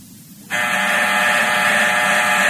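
A harsh, steady electric office intercom buzzer switches on abruptly after a brief quiet moment and drones continuously at full loudness, its rasping tone holding without a break to the end.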